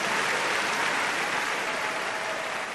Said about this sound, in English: Are you clapping for Jesus?